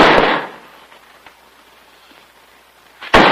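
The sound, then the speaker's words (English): A heavy nail barrel is dropped onto the bare floor of an upstairs storeroom with a loud, rattling crash, then a quiet pause before a second sharp bang lands at the end. “Jim opens it to reveal Bill dropping a nail barrel against the bare floor.”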